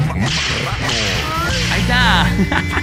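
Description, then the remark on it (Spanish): A whip-crack sound effect played on a radio show: several loud, sharp whip cracks snap in quick succession, each preceded by a swishing whoosh, over a busy background with rising whistle-like tones. “Mándale sus latigazos a mi compa Suri, por favor.”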